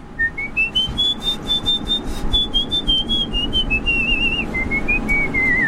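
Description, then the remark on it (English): A person whistles a continuous, very high-pitched whistle that rises, then holds and wavers with slight dips across several seconds, loud over a steady background rumble, with no talking. “I can whistle really high just on...”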